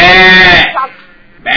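A sheep lets out one loud, wavering bleat, then a brief softer murmur and quiet pause before another bleat starts right at the end.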